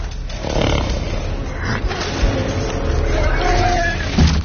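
Horses cry and neigh in a war scene of the film War Horse where they suffer and are massacred, the sounds partly reworked; their strained shrieks rise and break amid a dense, loud, rumbling clamor over a steady roar of noise that never lets up.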